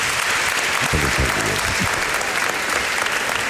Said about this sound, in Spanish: Pero no, pero si te han aplaudido espontáneamente antes de que entraras, a verás.